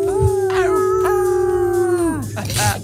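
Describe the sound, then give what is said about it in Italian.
People howl together in imitation of wolves: one long, steady howl lasting about two seconds, then sliding down and trailing off into a shorter rising cry. “Ululiamo tutti insieme.”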